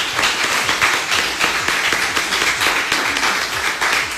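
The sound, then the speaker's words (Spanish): A crowd applauds steadily for a doctor at Preparatoria número 6, a dense wash of many hands clapping, sustained and fairly loud from start to finish with no voices coming through. “Pues que se escuche fuerte el aplauso para el doctor.”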